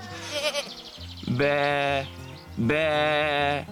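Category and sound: animal, goat kid bleating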